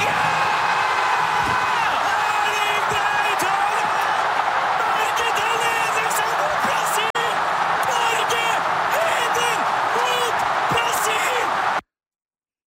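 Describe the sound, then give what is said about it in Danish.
A huge crowd of thousands of Norwegians, watching the match on a big screen at Ullevaal Stadion in Oslo, roars and cheers after Norway's goal in the 79th minute against Brazil while Norwegian commentators shout excitedly over the din, loud and unbroken for about twelve seconds before cutting off abruptly. “Det udløste eufori hos både norske fodboldkommentatorer på NRK og de mange tusinde nordmænd, der fulgte kampen på storskærm på Ullevaal Stadion”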